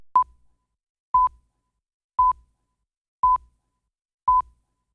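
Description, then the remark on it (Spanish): A phone notification alert for an incoming message, beeping five times in a steady rhythm, about once per second, each a short clear electronic tone, fairly loud, with no one talking. “Brit me está hablando ahí en el teléfono y se escucha. 9:06, era un aviso.”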